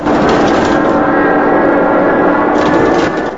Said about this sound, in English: Dennis slowly eases the control column forward. The Memphis Belle, with its right engine blazing, drops downwards. Inside, the crew hang on as the plane dips and rattles. The B-17 shakes. Objects and documents are flung around the body of the plane.